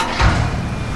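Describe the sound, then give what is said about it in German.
Street construction on Königsbrücker Straße in Dresden's Neustadt, between Albertplatz and Bischofsweg: excavators dig, shovel and lift out stones. A steady, dense mechanical rumble with one heavy low thud near the start, and no voices. “Da wird gebaggert, geschaufelt, es werden Steine ausgehoben.”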